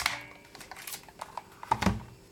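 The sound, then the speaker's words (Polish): A series of small mechanical clicks and taps from a handheld label maker as keys are pressed and the drum is turned left to the cutting position, ending in a sharper, louder crunching snap as the plastic label tape is cut; no voices. “Jeszcze raz pokazuję dźwięk naciśnięcia i dźwięk przecięcia.”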